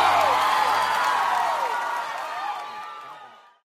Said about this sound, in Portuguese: salva de palmas para o …!